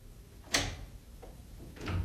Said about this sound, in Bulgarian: Чувате ли? Някой чука по стъклото. Трябва да отворим прозореца.